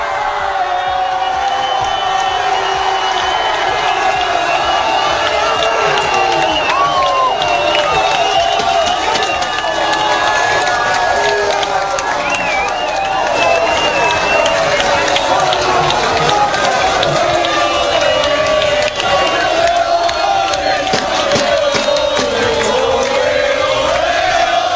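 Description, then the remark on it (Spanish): A packed bar in Seville, Spain erupts in loud, sustained crowd cheering and shouting as fans celebrate Spain's national team lifting the World Cup, many voices yelling and whooping together, the roar continuing without pause throughout. “Visto que llegó el momento de levantar la Copa del Mundo a los jugadores de la selección española, y así se celebró en uno de los muchos bares que estaban absolutamente abarrotados de aficionados en Sevilla.”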